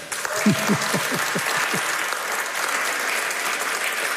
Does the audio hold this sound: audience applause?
yes